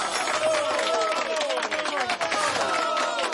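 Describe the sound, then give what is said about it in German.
A crowd applauds the winner of a quiz on a Radio 1 show, with dense, steady clapping that stays loud throughout, mixed with some cheering and excited voices over the top. “Das ist dein Applaus.”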